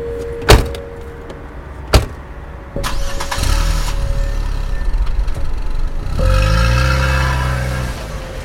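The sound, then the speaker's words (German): Two sharp door slams, then a car engine cranks and starts, idling with a low rumble before revving up as the vehicle pulls away, fairly loud. “ging dann mit ihm zu seinem Wagen.”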